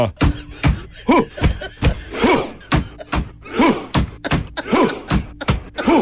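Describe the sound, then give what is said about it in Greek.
A voice imitates a Viking-style rowing chant, with loud, sharp thumps like drum beats repeating at a steady pace and voiced shouts between them, filling the whole stretch. “Χτυπάνε με ένα τύμπανο. Παπ-παπ. Κάνουν. Βγάζουν και κραυγές.”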